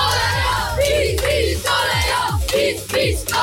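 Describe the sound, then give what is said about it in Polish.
A crowd of children shouts and cheers loudly and continuously, making noise for Radio Z, with high-pitched excited voices overlapping in rhythmic bursts of yelling, chanting "PiS, PiS" together. “Kochani, zróbcie hałas dla Radia Z!”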